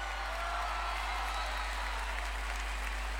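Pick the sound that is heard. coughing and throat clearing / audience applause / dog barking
audience applause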